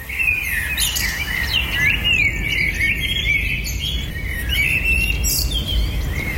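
A dawn chorus of many birds singing and chirping at once in the early morning in Ljubljana, Slovenia, overlapping trills and tweets over a steady low outdoor rumble, continuous throughout with no talking.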